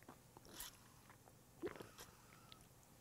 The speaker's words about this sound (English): Let me get a slurp.